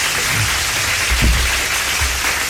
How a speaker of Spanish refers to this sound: Un aplauso, por favor, al público que está en vivo el día de hoy.